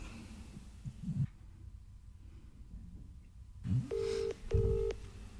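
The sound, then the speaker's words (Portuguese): Telephone tones sound clearly: two sustained electronic beeps in sequence, like a phone dialing and ringing, after some low rustling and handling noise, with no one speaking. “Já vou te dar a dica, toma o telefone, já vou te dar a dica.”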